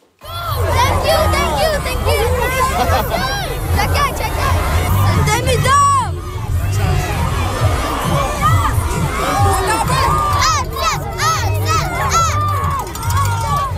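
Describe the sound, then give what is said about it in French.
A crowd of excited fans, many of them high-pitched young voices, shouts and cheers in a steady, dense roar, with squeals and cries rising above the babble throughout, greeting the Montreal Canadiens hockey players on their arrival in Trois-Rivières. “Ça ressemblait un petit peu à une cour d'école parce que c'est l'accueil que recevaient les joueurs du Canadien à leur arrivée”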